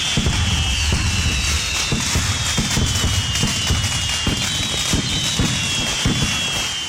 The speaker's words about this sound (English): This truck carrying the fireworks in New Jersey catches fire. This is the sound.